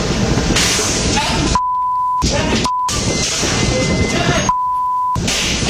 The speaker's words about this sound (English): And this is audio of that attack. You're going to hear the kind of the glass windshield and other glass get smashed.